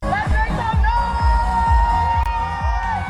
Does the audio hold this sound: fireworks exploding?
no